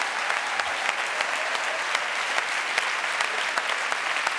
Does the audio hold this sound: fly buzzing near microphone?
no